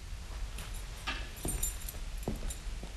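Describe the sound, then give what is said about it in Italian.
A few light metallic clinks and jingles as the keys to a study are handed over, scattered irregularly over a few seconds, with a steady low background hum and no voices. “Le chiavi dello studio.”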